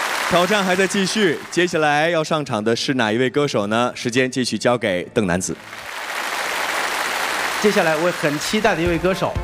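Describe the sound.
An audience breaks into steady applause after a stretch of lively talking, the clapping forming a dense, even wash of sound that continues as a voice starts speaking again over it.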